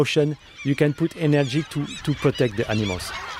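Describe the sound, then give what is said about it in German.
A huge flock of crows and gulls, waiting for food put out for bears, calls noisily, short harsh squawks and cries overlapping in quick, irregular bursts with no pause. “Auf den Bärensnack wartet bereits eine riesige Schar an Krähen, Möwen und sogar 2 Seeadler.”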